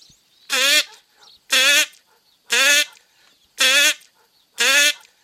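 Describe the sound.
A person imitates a drake calling a hen duck, quacking five times in a steady, evenly spaced rhythm: loud, nasal, buzzy honks, each about a quarter second long, with quiet gaps between.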